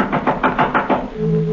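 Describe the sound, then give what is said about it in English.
A quick run of about six firm, evenly spaced knocks on a front door late on a stormy night, then the knocking stops and a low steady hum lingers. “someone knocked at the front door.”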